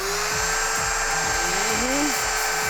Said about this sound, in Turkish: Bu şerit zımpara diğerlerinden farklı çünkü ufak şekli sayesinde sıkışık yerlere girebiliyor. Ayrıca zımpara için daha fazla yüzey alanı var. Bakın şimdi.